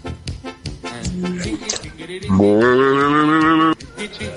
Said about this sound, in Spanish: ¡La vaca! ¡La vaca, la vaca, la vaca!